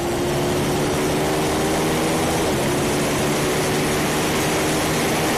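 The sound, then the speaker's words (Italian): A loud, steady bagger motorcycle engine roars continuously, heard on board during the last lap of a race on a circuit, its deep droning tone holding nearly constant pitch with a brief dip midway. “Bello il rombo delle bagger che, come anche dicevamo in precedenza, comunque ci fanno stupire, perché non è mai normale vedere queste moto al via”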